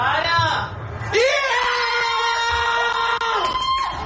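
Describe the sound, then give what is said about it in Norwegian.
Several people scream excitedly together, high sustained whoops and shrieks rising in pitch, loud, a family cheering the first goal of a football match, scored by Antonio Nusa, with no clear words. “Det grei skriking der også”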